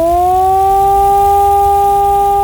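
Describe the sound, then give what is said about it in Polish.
A civil defense alarm siren wails loudly on its own, a sustained harmonic tone whose pitch creeps upward and then holds nearly steady for the whole stretch. It is the modulated alarm-announcement signal, lasting 3 minutes, sounded during a warning drill in Bolesławiec and other towns of the county. “Ogłoszenie alarmu to modulowany dźwięk syreny, trwający 3 minuty.”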